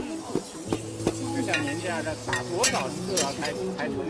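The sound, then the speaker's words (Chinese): A woman in Zhuang costume pounds tea leaves, perilla, garlic, ginger and peanuts with a wooden mallet in an iron wok to make oil tea at the Hezhou, Guangxi themed pavilion of an expo, producing irregular knocks and scraping stirs, with background voices murmuring throughout. “身着壮族服装的大妈将茶叶、紫苏、大蒜、生姜、花生等放入铁锅中，用木锤用力地反复敲打着。”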